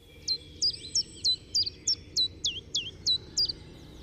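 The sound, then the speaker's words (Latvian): A common chiffchaff sings its steady, repetitive song: about ten bright, clipped notes evenly spaced, alternating slightly in pitch. The bird is clear, over a soft low rumble of background noise. “Latvijā bija arī dabas koncertzāle, iespējams, ka tā bija pati pirmā, kur suga bija čunčiņš.”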